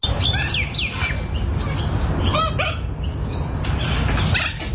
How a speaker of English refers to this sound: That's a chicken, for God's sake.